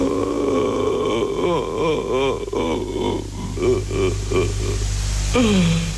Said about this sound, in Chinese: OK， 你刚刚听到了一段老人的哭声，是不是？请问音频当中是谁在哭？